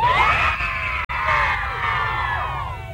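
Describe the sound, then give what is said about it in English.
A large crowd of band fans screams and cheers continuously, a dense wall of high-pitched shrieking voices that stays loud throughout, broken only by a split-second cut near the middle. “Just before we go, let's have one big … cheer.”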